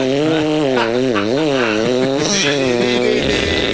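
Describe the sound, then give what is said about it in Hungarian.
A voice imitates a saw with a loud, continuous buzzing hum, its pitch rising and falling in a steady back-and-forth rhythm before flattening out near the end. “mutatom a fűrészhangot, figyelj”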